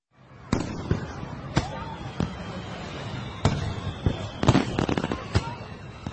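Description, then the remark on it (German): Sharp fireworks bangs go off irregularly, some single and some in quick clusters, over a steady crowd murmur and faint chatter, at the Seoul International Fireworks Festival in Yeouido Hangang Park, Seoul, South Korea, beside the Han River. “Oh, das ist der Yeouido Hangang Park, wo das berühmte internationale Feuerwerksfestival von Seoul stattfindet.”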